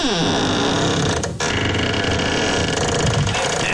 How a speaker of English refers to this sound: Now remember, this was a little kid who wanted to share her bedroom door. Yep. Howard Beach. And I'm going to let you listen to my squeaky door. Here it is. Get ready.